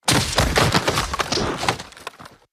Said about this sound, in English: Hear those pads crunching.